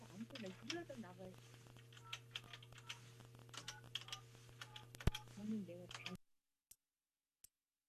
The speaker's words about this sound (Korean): 우리 세탁소 사장님 신호가 가고 있습니다. 아유, 신호가 가는데 전화를 안 받으시네요. 전화 안 받으십니다.